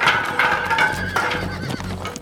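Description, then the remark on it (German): Two horses, frightened by a sudden noise, whinny in shrill, wavering neighs while hooves clatter in a quick rhythm, the galloping hoofbeats continuing as they bolt away in panic. Loud, with no talking. “Der plötzliche Lärm erschreckte die Pferde.”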